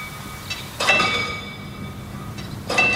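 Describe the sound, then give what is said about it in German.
A manually operated railway level crossing barrier clanks, with sharp metallic strikes that ring on in high, bell-like tones over a low rumble, the strongest hits coming twice, about two seconds apart. “Diese Schranke wird auch noch manuell bedient. Und es klingt auch noch richtig schön nach alter Eisenbahn.”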